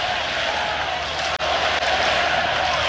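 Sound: baseball stadium crowd cheering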